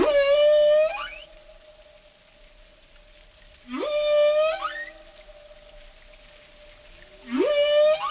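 Three loud animal whistles repeat about every three and a half seconds, each opening with a sharp rising sweep and settling into a long, steady, reedy tone that fades away. No one speaks.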